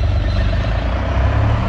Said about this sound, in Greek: Και φεύγει. Και πήρε το αυτοκίνητο